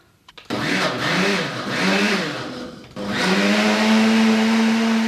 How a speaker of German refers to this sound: Die eingemachten Johannisbeeren. Zum Pürieren. In den Mixer. In den Mixer. Mit Apfelsaft, oder?